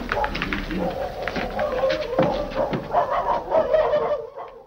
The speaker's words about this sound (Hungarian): miért ugatnak ezek a kutyák? Biztosan a cigányok lesznek.